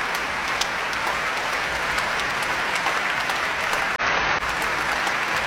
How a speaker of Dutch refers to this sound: En Hoving laat het hele orkest nu staan om het applaus in ontvangst te nemen. En wijst vervolgens weer naar de cellist, naar Liaf Kerbel. Een mooie, volle zaal vanavond hier in Eindhoven.